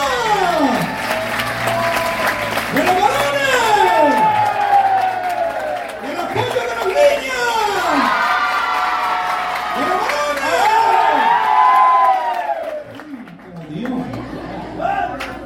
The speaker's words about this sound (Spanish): A ver, la porra de los niños.